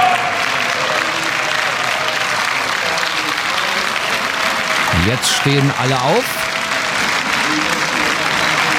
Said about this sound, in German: Und zwar aus dem AfD-Lager. Sie klatschen, sie jubeln. Man hört auch sowas wie Bravo-Rufe.